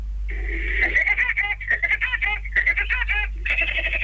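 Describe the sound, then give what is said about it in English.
A cartoon woodpecker laugh: a shrill, rapid staccato cackle of squawking bursts, loud, running for about four seconds over a steady low hum. “That's for the kiddies. Woody Woodpecker.”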